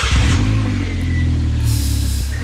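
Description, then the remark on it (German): A loud motorcycle engine roars with a deep, throaty rumble and strong low harmonics, rising and sustaining steadily across the whole moment, with a faint high whine on top. “Mama sagt, ich darf keinen Motorradführerschein machen, weil das sehr gefährlich ist, Motorrad zu fahren. Dabei ist das Geräusch schon gut, ne?”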